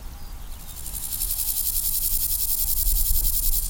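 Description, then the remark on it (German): A dense, high-pitched buzzing chorus of grasshoppers chirping in rapid, pulsing rhythm on a former taxiway, steady, growing slightly louder over a faint low outdoor rumble, with no voices. “Die Heuschrecken teilen sich den ehemaligen Taxiway als Lebensraum mit einer weiteren Tierart, die für ihr kollektives Verhalten bekannt ist.”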